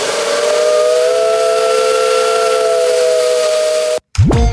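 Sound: train horn sounding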